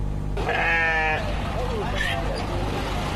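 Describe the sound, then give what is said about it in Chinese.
A sheep gives a loud, wavering bleat, followed by a fainter second bleat, over a busy outdoor hum of crowd noise and a low rumbling engine at a Wednesday-afternoon bazaar in Xinjiang, where farmers bring sheep on donkey carts. “巴扎在维吾尔语中是集市的意思，每逢周三下午，农民都会赶着毛驴车带着羊儿到集市上凑热闹，而羊毛专家也会到这里来寻找优质的羊毛。”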